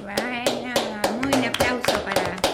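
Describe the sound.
Steady rhythmic clapping, sharp claps about three per second, with a sustained voice or tone holding underneath throughout. Fairly loud.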